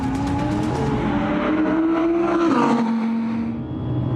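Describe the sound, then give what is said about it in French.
An Audi race car with a naturally aspirated engine screams down the straight of the Trap circuit at over 225 km/h, its engine pitch sweeping upward and then dropping as it roars by loud, with a sustained high-revving whine and no talk. “La ligne droite du circuit de trap avalée à plus de 225 km/h.”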